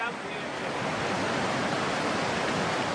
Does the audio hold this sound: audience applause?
no